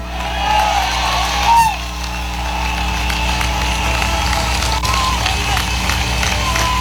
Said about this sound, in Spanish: Bueno, ¿cuántos le dan un aplauso grande ahí al Cristo de la gloria? Sea la gloria de Dios. Mucha gente le gusta aplaudir, eso no es pecado. Pero no aplauda hombres. Aplauda a Cristo.